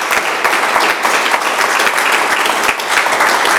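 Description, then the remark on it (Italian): Steady, dense applause from an audience for a guest, loud, with many hands clapping in a continuous wash throughout and no break. “Un altro applauso”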